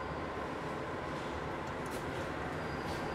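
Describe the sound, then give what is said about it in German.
A subway train rumbles through an underground station during a transfer to another subway line on a different level, a steady, dense roar of wheels and motor noise that fills the whole clip without pause, with faint metallic hisses near the end. “Ein letztes Umsteigen in eine andere U-Bahn-Linie auf einer anderen Ebene.”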